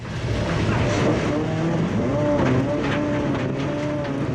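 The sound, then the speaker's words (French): A 5-metre-long car slides sideways in a big drift at the Domaine de Galicée rally training ground; its engine roars steadily with rising and falling revs and a rough, gritty tire noise. A person's voice can be heard over the engine. “Wouhou, gros travers.”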